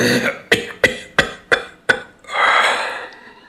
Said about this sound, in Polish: A to jej kaszel.